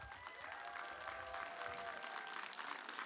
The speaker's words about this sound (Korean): 우리 HRS씨에게 다시 한번 큰 박수 보내주세요.